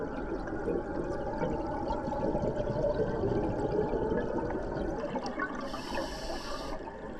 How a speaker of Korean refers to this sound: 뜨거운 물과 가스는 위로 올라가 주변 바닷물과 섞이고 다시 바다의 일부로 순환됩니다.